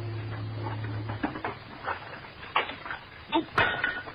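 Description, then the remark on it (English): Dishes clink and clatter in a sink as they are washed, with a handful of sharp, irregular knocks of crockery, following a brief low steady hum at the start. “I'm almost done with what's left of these dishes.”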